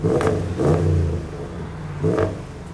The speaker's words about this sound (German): Doch der Mittelschalldämpfer ist unterdimensioniert und nicht im Fahrzeugschein eingetragen. Dazu ergibt die Lautstärkemessung, aus dem Auspuff kommen mehr Dezibel als erlaubt.